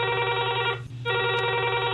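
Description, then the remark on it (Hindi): A telephone rings loudly with a bright, buzzing electronic trill, an incoming call to the phone-in programme Kisan Vani, breaking off briefly before the ringing starts again. No one speaks. “हाँ तो आज सुनू, पहल फोन कौन करे से?”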